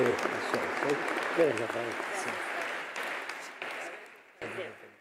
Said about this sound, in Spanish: Muchos aplausos al cumpleañer y a la esposa también.